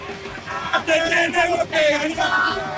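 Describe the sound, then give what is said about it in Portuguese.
A crowd of Argentine football fans loudly shouts a team chant together, their voices rising and falling in rhythmic bursts for a few seconds. “Como é o grito, grito.”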